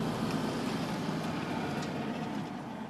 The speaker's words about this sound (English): God, it's a good tractor.